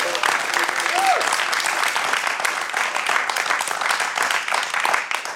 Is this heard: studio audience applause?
yes